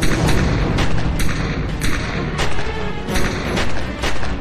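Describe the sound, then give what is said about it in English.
A rapid, irregular volley of gunshots fired inside a house, roughly eight loud cracks in under five seconds, each ringing into a dense, rumbling background with no voices. “Shots in a matter of seconds.”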